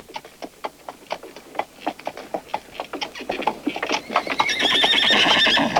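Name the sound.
horse neighing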